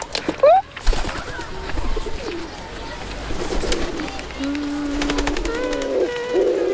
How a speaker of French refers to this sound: Tiens, un pigeon. Un pigeon vient de se poser sur la statue juste devant moi.